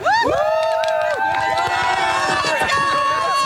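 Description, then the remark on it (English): A crowd at Rendezvous cheers loudly for their team during a game, many voices shouting and whooping together in sustained, overlapping yells that stay at full volume for several seconds. “A big cheer for your team.”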